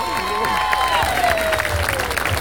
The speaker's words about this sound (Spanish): Y pido un fuerte aplauso para los 24 candidatos.